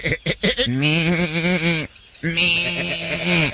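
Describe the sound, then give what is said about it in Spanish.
Sheep on a ranch bleat twice in long, wavering, quavering cries, loud, with a brief pause between them and a few short clicks just before the first. “Las ovejas cuchillaban en el chisme.”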